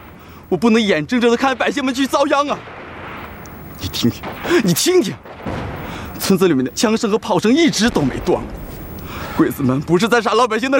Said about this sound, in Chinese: 你听听，村子里面的枪声和炮声一直都没断过